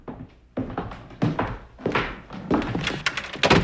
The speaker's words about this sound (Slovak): Nanon, chytro mu bež otvoriť dvere.